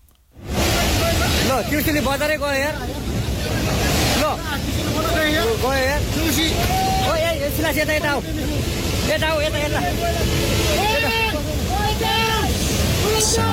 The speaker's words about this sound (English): Panic recorded on that smartphone as water is surging through a town, sweeping away a bridge. The disaster is thought to have been sparked by the collapse of a glacier in the Himalayas.